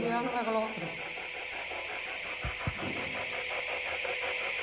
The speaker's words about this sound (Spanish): ¿Podrías apagar la alarma? Es eso que se escucha de fondo es la alarma.